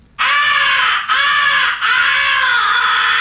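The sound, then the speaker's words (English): A loud, harsh crow fighting call is blown on a crow call in three rough, drawn-out bursts with brief breaks between them, raspy, throaty and chesty, mimicking an aggressive crow's fighting caw. “The third essential call is the fighting call. Make it sound tough and chesty.”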